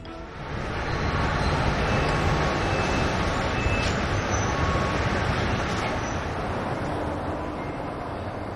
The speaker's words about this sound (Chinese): 每天下午14:35，都有一趟从黄山始发的高铁 G2556 到达北京南站。